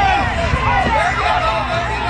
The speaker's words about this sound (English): That's the sounds of the Second Harvest Truck Pull here at Nathan Phillips Square, raising money for the organization trying to battle food insecurity.